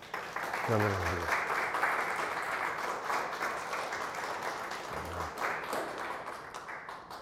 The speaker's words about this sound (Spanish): Un aplauso a Cristo.